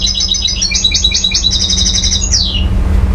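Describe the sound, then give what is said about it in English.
Birdsong played on a laptop aboard the Abu Yasser II, a camel boat crossing the Red Sea from Djibouti to Jeddah: a rapid, rhythmic series of bright chirps and warbles ending in a descending trill, heard over a constant low mechanical hum like an engine. “So this engineer was listening to bird songs on a laptop when he met him.”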